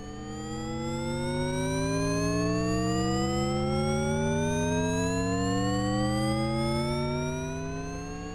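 Layered electronic tones glide steadily upward together in slow parallel sweeps, a smooth, sustained synthetic drone with no voices, swelling in gently and holding at a steady moderate level.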